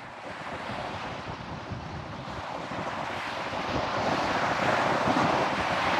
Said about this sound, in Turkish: Doğrudan karla kaplı buzul dağlarından geliyor. Bunu ayarlamak için rüzgarın ve dalgaların sakinleşmesini bir gün daha beklemeli miyim diye düşünüyorum doğrusu.